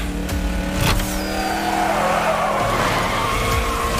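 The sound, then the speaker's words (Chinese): The tires of Spider-Man's race car skid and squeal loudly and continuously over a roaring engine during a race, the screech sweeping in pitch as the car slides, intense for the whole stretch with no voices. “蜘蛛侠这样也太损耗轮胎了！”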